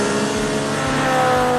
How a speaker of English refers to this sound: This Friday at the Fix It Forward Speedway at the Red River Valley Fairgrounds. Feel the excitement of fast cars, roaring engines, and edge-of-your-seat action.